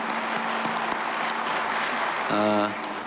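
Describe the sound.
Steady audience applause for Busan mayor Jeon Jae-soo, a dense continuous patter of many hands clapping for about three seconds, with a brief voice-like tone rising over it near the end.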